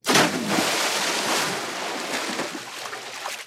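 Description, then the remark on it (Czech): A sudden, loud splash as someone jumps into water, followed by several seconds of churning, sloshing water that slowly settles. No voices. “to byl skok do vody.”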